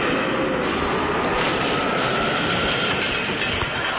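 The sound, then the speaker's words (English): A leaf blower with a 727 jet engine block hooked up to its back roars loudly and continuously, a dense, rushing blast of noise that stays steady for the whole stretch with no voices. “I hooked up a 727 jet engine block up to the back of our leaf blower.”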